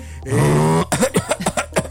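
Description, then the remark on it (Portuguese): A voice mimics a snorer choking: a strained, buzzing vocal drone lasting about half a second, then a run of irregular sputtering gasps and throaty catches, with no words spoken. “Aí quando engasga.”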